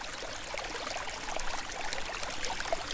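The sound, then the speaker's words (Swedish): A river in a tundra landscape flows steadily, its broad, continuous rush of water filled with bright splashing and gurgling detail, no voices present. “Men det som är fint med älven också, man sitter här, man får ju väldigt, det är väldigt rofyllt.”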